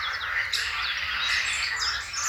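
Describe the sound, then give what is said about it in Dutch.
A dense, continuous mix of blackcap and chiffchaff song, recorded in Posterholt, Limburg, with quick bright warbles and repeated chirping notes over a low, pulsing chorus of green frogs. There is no talking. “De kakofonie van zwartkop. En tjiftjaf. En groene kikkers.”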